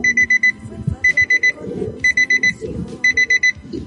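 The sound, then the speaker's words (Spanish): A digital alarm clock, of a kind made in fluorescent blue, red, yellow and green colors, beeps in repeated bursts of four quick, high tones, about once per second, fairly loud over a low background murmur. “La verdad es que no me tocó el sonidito, pero sí me tocó este, y que eran de unos relojes como color azul, rojo, amarillo, verde, fluorescente.”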